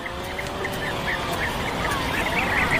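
A busy puffin colony on Skomer Island, a nature reserve in Wales, in the breeding season fills the air with overlapping calls, a steady clamor of repeated squawks over a constant low rumble, as if many birds are calling at once.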